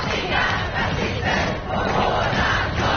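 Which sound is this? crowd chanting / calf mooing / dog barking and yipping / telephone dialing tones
crowd chanting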